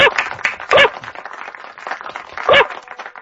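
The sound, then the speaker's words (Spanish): A person lets out two sharp, loud dog-like barks about two seconds apart, a voice imitating a dog, over a busy, clattering background that resembles clapping or crowd noise. “Es que a mí me sonó como que estaba ladrando.”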